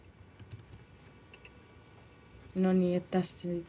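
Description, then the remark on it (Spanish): Soft keyboard typing and scattered clicks tap away quietly as a data worker gives feedback on an AI tool's responses, clicking yes or no, then a louder voice starts speaking over the final second or so. “Aparece un texto y tenemos que decidir si es correcto o no, haciendo clic en sí o no.”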